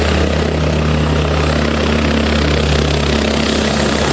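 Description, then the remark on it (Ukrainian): A firefighting aircraft roars overhead during a rescue drill, putting out a fire from the air near a damaged pleasure boat; its loud, steady engine drone with a low throbbing hum fills the whole stretch, unbroken, with no voices. “Поки спецпідрозділ «Дельта» евакуює людей, з повітря пожежу гасить авіація.”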